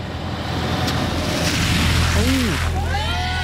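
A truck ploughs through a deep roadside puddle, with a long, loud rush of sloshing water over a steady low engine rumble and a few brief rising tones near the end.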